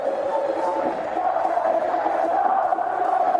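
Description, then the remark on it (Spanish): A football stadium crowd at a match in light drizzle roars in collective reproach, a dense wall of many shouting voices that holds at a steady, loud level throughout, with no single voice standing out. “Bueno, se levanta la hinchada. Ahora sí. Con gritos, ¿no?”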